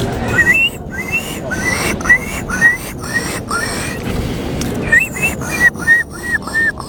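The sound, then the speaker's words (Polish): A person in a bird-call imitation contest imitates a gull's call: a rapid series of short, high squealing cries in two bursts, fairly loud, over a steady background hiss. “Była mewa. To była mewa, tak.”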